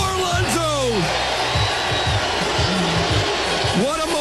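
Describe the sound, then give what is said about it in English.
A baseball crowd at Citi Field cheers Pete Alonso's game-tying ninth-inning home run in a loud, sustained roar, with individual whoops and rising yells breaking out above the din at the start and again at the end. “Everyone is cheering Pete Alonso, even though he's tied this game up in the ninth.”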